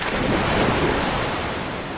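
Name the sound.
sea waves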